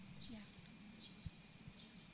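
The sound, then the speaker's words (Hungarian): Faint sparrows chirp a few times, short high notes spaced roughly evenly apart over a quiet background with a soft low rumble and a brief thump. “Hallott például most a verebeket?”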